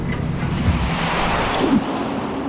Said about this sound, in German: Wir zwängten uns durch das Loch. Das war der Eingang zum Zeitkanal. Ein Windstrom nahm uns mit.